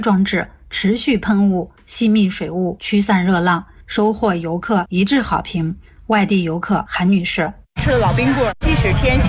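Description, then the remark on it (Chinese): A voice narrates steadily, then near the end a loud hiss of misting water spray rushes in for a second or two, with talking continuing over it; a misting cooling system along a tourist walkway at Huaqing Palace scenic area, Xi'an, China, on a hot afternoon. “游览步道沿线增设的雾森喷淋降温装置，持续喷雾、吸蜜水雾驱散热浪，收获游客一致好评。”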